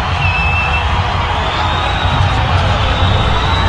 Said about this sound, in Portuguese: Agora os jogadores entrando, é que a torcida já começa com som, hein? Vou deixar o microfone aqui para vocês ouvirem.